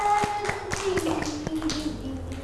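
Children clapping their hands for their classmates and themselves in a steady, even rhythm, roughly four crisp claps per second over a couple of seconds, with a faint sustained tone underneath.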